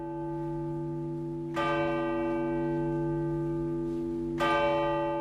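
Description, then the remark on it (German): A deep church bell tolls three slow strokes, each heavy stroke spaced a few seconds apart and ringing out in a long, rich hum that never fully fades before the next, marking a nationwide minute of silence at the start of King Harald's funeral service in Oslo Cathedral, Norway. No one speaks. “Er beginnt mit einer landesweiten Schweigeminute mit 3 Glockenschlägen.”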